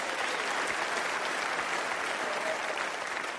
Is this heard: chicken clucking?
no